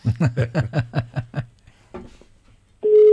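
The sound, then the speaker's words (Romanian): A quick run of about eight chirpy, voice-like beeps fades into quiet, then a loud, steady telephone ringing tone of a phone call to Moldova cuts in near the end of the call. “Așa sună telefonul în Moldova.”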